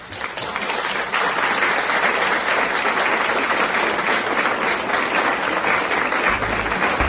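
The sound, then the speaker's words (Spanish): A crowd breaks into steady, sustained applause for a correctly answered quiz question, a dense wash of many hands clapping at an even loudness for several seconds with no voices over it. “Es harina de trigo y ustedes tienen aplausos.”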